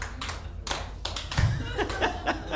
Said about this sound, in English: That's the first time I've gotten applause for that one. I'm glad you all are with me.